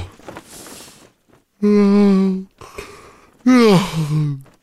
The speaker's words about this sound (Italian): Ma ce lo spiega bene il nostro premio Nobel per lo sbadiglio. Lo sbadiglio!